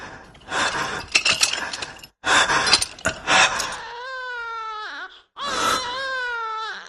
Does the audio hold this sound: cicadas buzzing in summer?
no